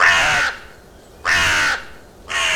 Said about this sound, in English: I couldn't wait. I was so excited about the crow.